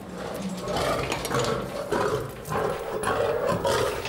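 A lion roars and growls, a loud, rough rumble rising and falling in a string of heavy bursts with no one talking.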